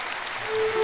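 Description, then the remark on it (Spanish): An audience applauds loudly for Christ in a dense, steady wash of clapping, with a faint sustained tone coming in partway through the brief burst. “Aplauso fuerte para Cristo.”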